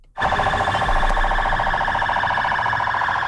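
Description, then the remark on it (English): Loud, continuous sirens blare from a military and police convoy in Baghdad, Iraq, as Iraqi forces parade in the streets, their harmonic wail rising suddenly and holding steady over a low rumble of traffic, with no voices heard. “Sirens blaring on a military and police convoy in Baghdad.”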